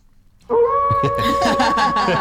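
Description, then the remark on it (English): A wolf howl sound effect played on the radio show Dirtbag Radio on 95BFM: after a brief silence, the howl begins abruptly, one long, loud, steady high-pitched wail that holds its tone without fading, backed by a rough, breathy layer of noise. “Oh, wait, play the wolf.”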